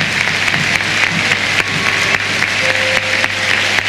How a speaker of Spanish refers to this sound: Sale Thiago Almada y escuchemos los aplausos a Alejandro.